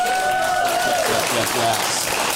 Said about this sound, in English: Let's get a round of applause for the panel.